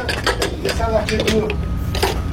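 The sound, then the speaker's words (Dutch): A large fire hose is coupled to the back of a fire brigade truck in Cournon-Terral, Hérault, southern France: a run of sharp metallic clicks, clanks and ratcheting knocks over a steady low rumble, with faint voices mixed in. “Een grote slang wordt aan de achterkant van een brandweerauto bevestigd.”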